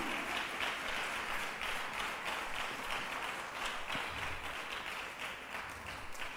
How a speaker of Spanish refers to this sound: Dele un aplauso al Señor, mi hermanita, mi hermanito, pero démoselo con todo el corazón. Aleluya.